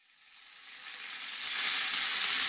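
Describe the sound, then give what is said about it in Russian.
Meat sizzles on a grill, in an advertisement for the Grilfest at Euroopt, with a steady, hissing crackle that swells from quiet to loud over a couple of seconds, bright and noisy with no voices. “Слышите? Это «Грильфест» в Евроопт.”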